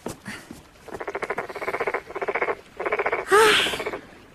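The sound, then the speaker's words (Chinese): A toad croaks in rapid, buzzy pulsed trills, four bursts in quick succession with short gaps, fairly loud, ending with a brief higher squeaky note over the last trill. “蛤蟆大哥，难怪那王玉烦你呢，还真是有点闹人呢。”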